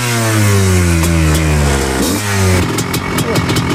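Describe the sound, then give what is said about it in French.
A combustion motorcycle engine revs loudly as the bike is ridden, its pitch rising and dipping through gear changes before settling into a rough, throbbing run. Speech is faintly audible underneath. “Tac, bon ben on vient de descendre de la moto thermique, c'est plus technique hein, quand même”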